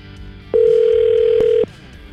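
A single steady telephone ringing tone sounds over a phone line, a flat electronic purr lasting about a second before cutting off, with faint line hiss around it and no voices.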